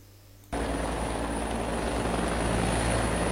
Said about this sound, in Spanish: A las 10:30 horas del segundo día de búsqueda, en medio de una tormenta de nieve que por momentos se volvía intensa, uno de los helicópteros avista al perro Pechi